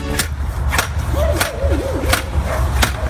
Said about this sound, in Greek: Πάντως είναι όντως τοποθέτηση ομπρέλα στην παραλία. Το ακουστικό που είπε ο φίλος ο Δημήτρης, αυτό ακριβώς είναι. Έτσι κάνει όταν σκάβεις